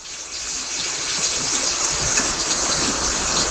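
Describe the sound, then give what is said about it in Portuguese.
Steady rain falling in a continuous, even hiss, with a dense patter of drops and no voices. “Ó a chuva.”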